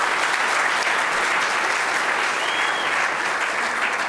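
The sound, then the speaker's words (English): Sustained applause from a large audience, a dense, steady wash of many hands clapping at once, loud and continuous throughout without any voices standing out. “Now, I think that's worth clapping for.”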